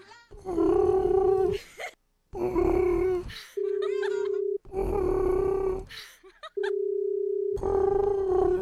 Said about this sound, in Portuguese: Olha, até o toque, o barulho de chamar lá no Japão é diferente. É... parece um pombo.